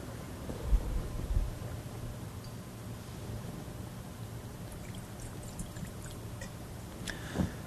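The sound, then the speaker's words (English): A small amount of water trickles quietly into the wine in a chalice during a Mass, with a low steady hum, ending with a faint soft clink. “by the mystery of this water and wine, we come to share in the divinity of Christ, who humbled himself to share in our humanity.”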